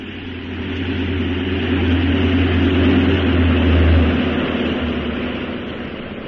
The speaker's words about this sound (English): I better get back into your seat. We're landing.